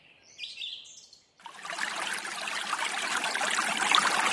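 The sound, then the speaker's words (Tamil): A few bird chirps sound briefly before a steady rush of flowing stream water takes over, loud, continuing without pause and growing slightly stronger toward the end. This is water where people bathe, with a current that pulls in anyone who goes in. “தண்ணி நிறைய ஆழமா இருக்க மாட்டேங்குது. உள்ள போனா உள்ள இழுத்துட்டு போகுது.”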